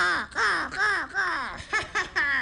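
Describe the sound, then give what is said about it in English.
A raven calls in a quick, unbroken series of six or seven harsh, throaty croaks. The calls are fairly loud, with no other sounds around them. “And then Raven sang a song.”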